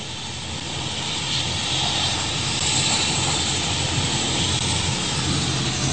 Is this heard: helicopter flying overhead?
yes